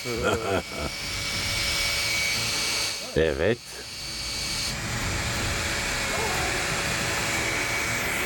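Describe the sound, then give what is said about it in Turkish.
An ordinary cordless drill drives a small water pump being tested to pump out hot water so it can be replaced with cold water after each race. It gives a steady, loud motorised whir with a rushing hiss that runs almost the whole time, while a voice speaks briefly at the start and midway. “Bunun için sıradan bir akülü matkaptan daha mantıklı ne kullanılabilir ki?”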